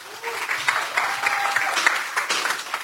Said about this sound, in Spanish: Así que pido un fuerte aplauso para Carlos Rodríguez.